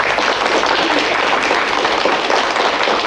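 Steady applause from a crowd fills the whole stretch, a dense, even wash of many hands clapping at once, loud and close with no voices standing out.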